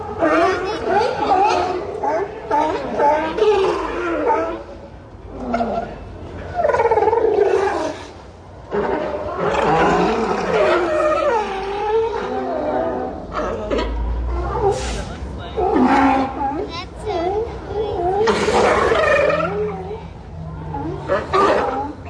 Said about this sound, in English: Whether it's an unusual animal you hear in a place far from home, like these sea lions that I recorded last year on the Oregon coast.